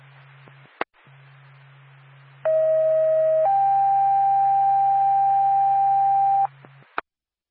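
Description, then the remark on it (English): Fire department paging tones over a radio, toning out the Jefferson Fire Department to a fire alarm activation on Israel's River Road in Jefferson: a steady one-second tone, then a slightly higher tone held about three seconds, bracketed by squelch clicks over a low hum and hiss. No one speaks. “Time of your tone, 1814.”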